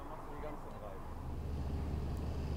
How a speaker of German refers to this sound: Endlich ist der Wasserwagen zurück. Jede Betankung dauert 1 Stunde. Mit Stau dauert es deutlich länger.